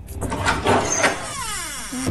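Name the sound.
squeaky refrigerator door opening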